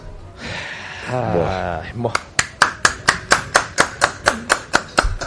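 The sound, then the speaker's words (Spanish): A voice speaks briefly, then one person applauds themselves, clapping about fifteen sharp, evenly spaced claps in a quick, even rhythm, fairly loud against a faint background. “Se aplaude solo.”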